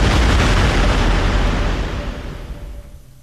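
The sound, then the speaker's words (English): A massive volcanic explosion bursts out at full force, a dense roaring boom heavy with deep rumble that slowly fades over a few seconds. No voices are heard. “Stand back, everybody. Is about to explode. Oh, God, it's going to blow.”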